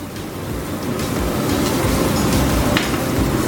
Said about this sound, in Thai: แล้วก็แปรงครับทาน้ำมันบางๆเพราะเราจะไม่ใช้แบบเป็นไข่เจียวเนาะแต่เราจะทำเป็นไข่แผ่น